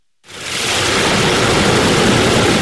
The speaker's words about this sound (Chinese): 8月6号，随着埃里克塔木取手的电子闸门缓缓抬升，塔里木河的最长源流叶尔羌河河水奔涌而下，水流一路绵延超过350公里，在与和田河交汇后，最终汇入塔里木河干流。